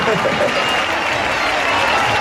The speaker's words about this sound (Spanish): Tengo aquí una muchacha que antes... ¡Guapa tú! Que antes hemos hecho un directo y me ha dicho que se casa. Y quiero que le demos un fuerte aplauso porque eso no se hace todos los días. ¡Ole!